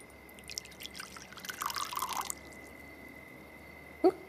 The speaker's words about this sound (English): But yes, pour me a chamomile tea, please. As you wish, madame.